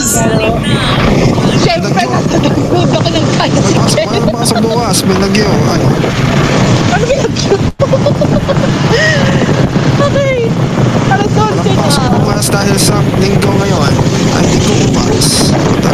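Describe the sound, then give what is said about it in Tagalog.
Loud, steady roar of a motor tricycle engine mixed with rushing wind buffeting the microphone, heard from the back seat on board, with muffled voices occasionally breaking through the constant noise. “Nasa loob ng tornado. Nasa tricycle namin. Nasa likod ako.”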